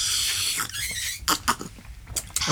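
Wet, hissing slurps of tea, a long airy draw followed by several short squeaky sips in an uneven rhythm, with no talking over them.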